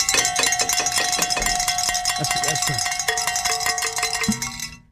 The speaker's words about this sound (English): It looks like we get to ring a bell again, let's do it.